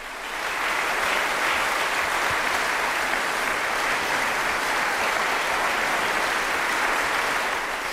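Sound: concert audience applause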